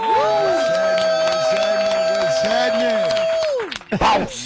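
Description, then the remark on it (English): An audience cheers and applauds to welcome a rapper, beneath a loud, long held tone that slides down and stops near the end, followed by a brief burst of noisy crowd sound. “Listen, y'all, give it up. Show your love.”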